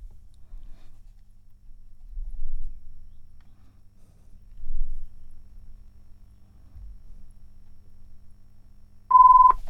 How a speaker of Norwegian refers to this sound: Det ringer.